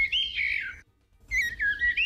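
A bird sings a tuneful, whistled melody in two clear phrases separated by a short pause, the notes rising and falling like a familiar pop tune. Close and fairly loud, with no talking.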